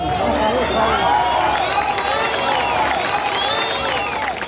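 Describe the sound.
A crowd erupts in sustained cheering and shouting among piles of rubble as people are rescued from under the debris, many voices overlapping loudly and continuously, with whistles and excited calls rising above a dense, outdoor roar.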